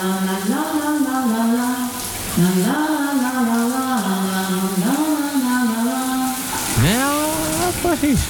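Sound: shower tap running water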